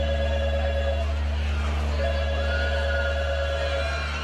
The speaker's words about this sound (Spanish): Yo estaba tranquilo cuando de pronto me sonó el teléfono.